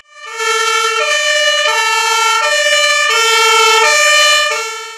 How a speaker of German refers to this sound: Nach Jahrzehnten wurde hier ein neues Hilfeleistungsfahrzeug an die Kameradinnen und Kameraden der Freiwilligen Feuerwehr Trebsen übergeben. Mit Tatü und Tata rollte das neue HLF auf den Hof.